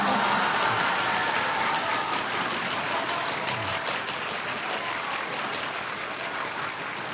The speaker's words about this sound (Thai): โอ้โหปรบมือเบาไปนิดหนึ่ง